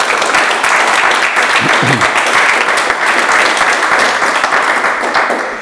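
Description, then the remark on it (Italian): A crowd applauds steadily, many hands clapping in a dense, sustained wash that holds loud throughout before easing off slightly at the end. “Intanto un applauso.”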